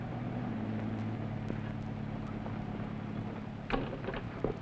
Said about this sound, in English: Well, it's Mr. Kruger driving the roadster. Yeah. Now, why did he go away without saying something?